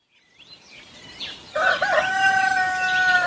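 Faint bird chirps open, then a rooster crows loudly, one long, strained, harmonic call that carries on to the end.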